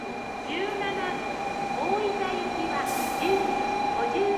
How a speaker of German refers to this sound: Auf den Fernbahnsteigen ist immer viel los. Alle paar Minuten kommt ein Zug.